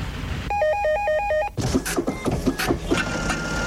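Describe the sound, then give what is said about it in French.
A telephone rings at about 60 decibels with a rapid, warbling two-tone electronic trill lasting about a second, then gives way to busy clattering, tapping mechanical noise. “80 décibels pour la circulation, 75 pour l'imprimante, 60 pour le téléphone.”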